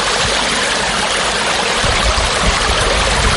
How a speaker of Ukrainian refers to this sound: Аби територію не затопило повністю, почали самостійно відкачувати смердючу воду, і вона балкою потекла у море.